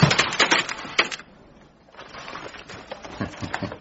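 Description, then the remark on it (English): A typewriter carriage being returned to the left at the end of a paragraph during a typing exercise: a quick run of sharp mechanical clacks and rattles, a short lull, then another stretch of ratcheting clicks, with no voices. “Return the typewriter carriage to the left.”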